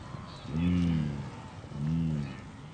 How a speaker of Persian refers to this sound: در عین وقت هزاران گاو وحشی نیز به اینجا رسیده است. دریای مارا یک دریای بزرگ است و گاوهای نیز مانند گورخرها باید از این دریا عبور کنند.